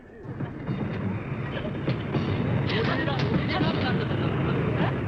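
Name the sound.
train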